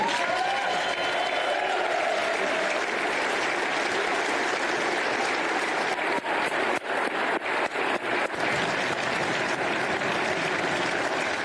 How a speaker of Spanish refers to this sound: Aplaudan, por favor.